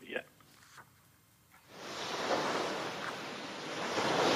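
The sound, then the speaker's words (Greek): Sea waves rush onto the shore in a broad, hissing surge that swells after a brief quieter moment and keeps roaring steadily, with faint voice fragments at the start. “Και έτσι λοιπόν εμείς φίλες και φίλοι θα σας αφήσουμε με την πιο όμορφη θάλασσα”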